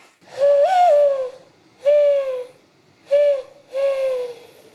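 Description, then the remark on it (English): A woman imitates a mourning dove by blowing into her cupped hands, producing four hollow, breathy coos in a slow, uneven rhythm, clear with no talking. “even learned to coo like a dove by blowing into her cupped hands.”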